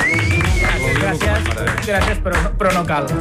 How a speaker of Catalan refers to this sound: Aplaudiu bé, el senyor de la mania del dia.